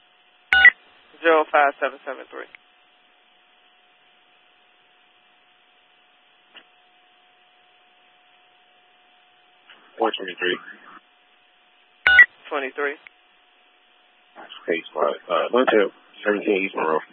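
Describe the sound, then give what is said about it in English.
Telephone touch-tone dialing: short beeps in quick clusters, split by long quiet gaps. Sharp clicks and a faint steady line tone run between the bursts, and garbled, voice-like sounds mix in. “Phone number.”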